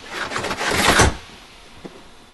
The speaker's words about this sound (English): He slides it shut, then lowers the blinds. The car's other blinds drop in rapid succession.